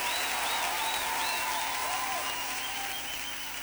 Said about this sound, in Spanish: Ese aplauso